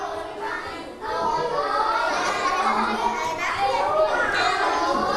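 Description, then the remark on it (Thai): A classroom full of children practising English conversation in pairs, asking "How do you feel today?" and changing partners, many overlapping young voices talking and calling out steadily throughout, fairly loud with no single voice standing out. “เด็กๆถามแล้วสามารถเปลี่ยนคู่ได้เลยครับถามคนใหม่ให้คนได้ครบ5คนเลยไหนทีเชอร์จะเดินดูแล้วนะว่ามีคนถามกันหรือเปล่า”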